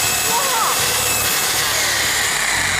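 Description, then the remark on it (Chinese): A loud, continuous electric drill grinds directly against the bottom of a non-stick pan in an extreme coating test, a harsh high-pitched whine with scraping texture sustained throughout, with no pauses. “拿的是电钻，我直接对着锅底打，哇！”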